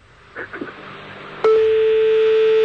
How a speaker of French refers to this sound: Je vous appelle, hein, d'accord ? D'accord. On va jouer ensemble. Vous entendez sonner ?